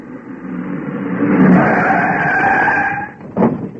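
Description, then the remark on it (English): A car engine approaches and grows louder, then tyres screech in a long skid as it brakes, ending with a brief thump as it comes to a halt. “Have a look in the car, will you?”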